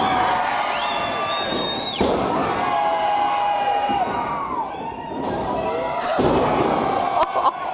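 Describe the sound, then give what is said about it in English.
A loud crowd of about 300 people cheers and roars throughout at a Mexican masked wrestling match, punctuated by a few heavy thuds of bodies slamming onto a wrestling mat, with sharper impacts near the middle and end. “Is that someone being slammed onto the mat or whatever? Yeah, it's full on.”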